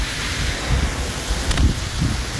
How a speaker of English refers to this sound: good rain with a little thunder.